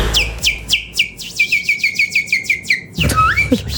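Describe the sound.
On Radio Antena, the station's boss whistles in imitation of a warbling bird: a quick, steady run of about a dozen bright, sweeping chirps, then a short different flourish, fairly loud with no talking.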